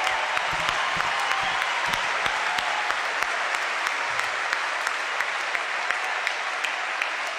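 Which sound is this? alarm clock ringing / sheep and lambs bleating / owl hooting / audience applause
audience applause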